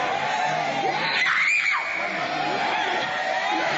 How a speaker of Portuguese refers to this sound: Vocês não gritam para Jesus queimar?